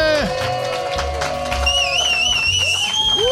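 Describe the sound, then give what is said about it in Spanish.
A loud, steady crowd ovation with cheering shouts and shrill whistles rising and falling over a dense wash of clapping, sustained for the whole few seconds, from a crowd at an institute's booth during European Researchers' Night on the Paseo del Salón in Granada. “¡Venga, una ovación!”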